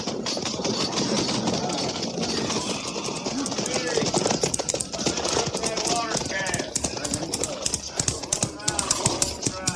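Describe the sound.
A train engine rumbles along the rails with a steady rhythmic clatter of wheels, loud, while indistinct voices murmur underneath.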